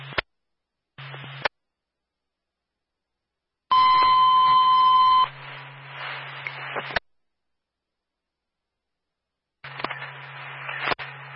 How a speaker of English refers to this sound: Once again, this tone is for Claremont Fire. Ask to respond to 5 Nursing Home Drive in Unity with an engine for a sounding box alarm.